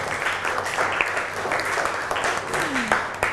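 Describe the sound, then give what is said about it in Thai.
A class claps for a classmate who answered a question, a dense, continuous patter of many hands, fairly loud and lasting throughout, with faint voices mixed in beneath the clapping. “ปรบมือให้เพื่อนค่ะเก่งมาก”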